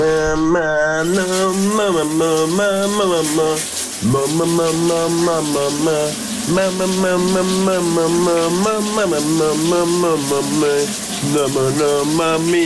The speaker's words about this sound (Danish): et genlyt med morgens brusebadshit, hvor det er …, der synger i brusekabinen